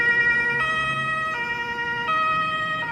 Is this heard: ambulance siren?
yes